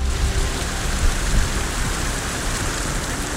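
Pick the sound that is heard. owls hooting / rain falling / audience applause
rain falling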